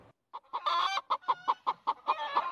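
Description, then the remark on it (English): A hen clucks in a quick series of short, rhythmic bursts, fairly loud, with one longer drawn-out cackle near the start and no voices. “What's that? It's a hen.”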